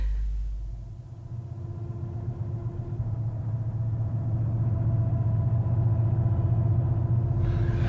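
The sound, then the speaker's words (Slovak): A steady low engine rumble of cars on a road at least 5 kilometres away, holding constant and slightly swelling over several seconds with no voices. “Počujete autá? Motory vrčia.”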